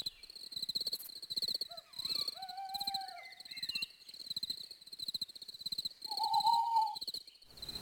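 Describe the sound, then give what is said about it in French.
A person imitates an owl with a few breathy, whistled hoots, the last one louder and clearer, over a steady high chirring of crickets or insects outdoors. “Je suis une chouette.”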